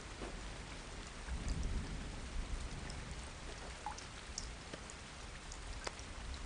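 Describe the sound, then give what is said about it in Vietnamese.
Steady rain falls outdoors, a dense continuous hiss with scattered drops tapping and a low rumble swelling briefly in the middle, like thunder. No one speaks. “Ngoài trời đang mưa, mẹ lại không đem dù theo.”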